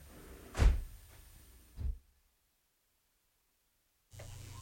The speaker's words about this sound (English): Close both doors then.